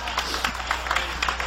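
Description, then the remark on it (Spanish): An audience at a church service claps steadily in applause to Jesus, a dense patter of many hands blending into continuous applause that fills the space at a moderate level. “Dale ese aplauso al Cordero de Dios.”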